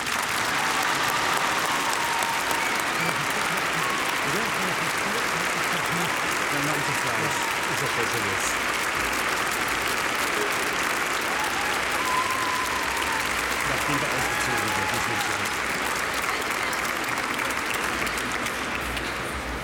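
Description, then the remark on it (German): An audience at a First Communion Mass applauds steadily for about twenty seconds, a dense, even wash of clapping hands that holds loud throughout with no talking over it. “Jetzt dürfen wir auch klatschen.”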